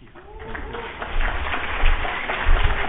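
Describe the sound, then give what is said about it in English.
An audience applauds a speaker being introduced for a talk, a dense crackle of many hands clapping that swells slightly and holds steady for a few seconds without any voices over it. “You may want to hold that applause until it's done.”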